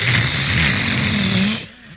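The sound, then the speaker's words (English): Several voices imitate squealing, worn-out brakes together, a harsh, hissy screech with a low groaning undertone that holds for about a second and a half before abruptly stopping. “It sounds like a few people have had their brakes wear out.”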